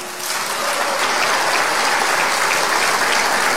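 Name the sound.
welcoming applause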